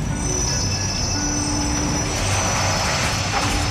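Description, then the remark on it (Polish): A train pulls into the station at Chełm, the first train of the Vistula railway, arriving on 17 August 1877. It has a constant low rumble and a steady metallic wheel squeal ringing high above it, fairly loud, without any voices. “Na stację wjeżdża pierwszy pociąg nadwiślańskiej drogi żelaznej.”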